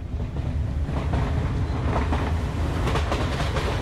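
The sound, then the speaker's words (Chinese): A train carrying a passenger on a business trip rumbles steadily along the rails, with a constant low roar and faint rhythmic clicks of wheels over track joints, with no voices. “这次心情忐忑的独自搭火车出差”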